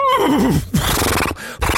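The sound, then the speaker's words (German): A bay horse whinnies loudly, a high wavering neigh sliding downward, then breaks into rough snorting, breathy blows over about two seconds, with no voices. “Na klar, auf dem Pferd kann man aufsteigen, richtig.”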